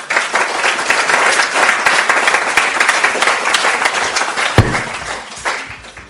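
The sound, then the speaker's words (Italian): A crowd applauds steadily, dense overlapping claps forming a loud, sustained wash of sound that thins out slightly near the end. “Visto, l'applauso era molto chiaro in realtà”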